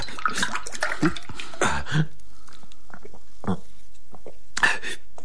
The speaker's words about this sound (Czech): Zoboha, prosím tě, nalej mi trochu vody, rychle vodu.